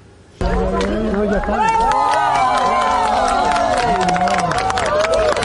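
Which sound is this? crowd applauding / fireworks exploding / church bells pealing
crowd applauding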